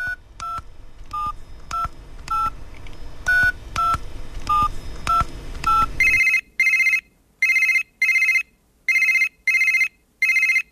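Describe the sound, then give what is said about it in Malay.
A quick run of touch-tone dialing beeps, about a dozen evenly spaced, followed by a phone ringing in short repeated bursts as a telephone call to a guest goes through. No one speaks. “Mari kita hubungi tetamu kita menerusi talian telefon sekarang.”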